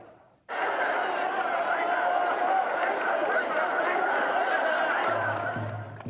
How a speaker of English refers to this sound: At precisely 4:59 a.m., to the sound of drums, the first float was raced into the Kushida Shrine precincts. Seven teams carrying the heavy wooden structures later sprinted across the city while chanting Oisa.